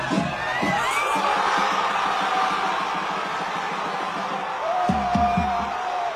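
A packed pub crowd roars and cheers at the final whistle, a dense, loud wall of shouting and whooping with individual yells rising above it throughout.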